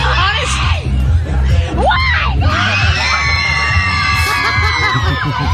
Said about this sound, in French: Ben, je vous propose d'écouter une séquence où … passe une interview. Alors, il y a des fans qui gueulent derrière elle. …, hein ? Et on va entendre … répondre.